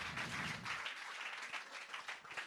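Steady audience applause, a dense wash of many hands clapping at once, sustained and fairly loud throughout with no voices standing out.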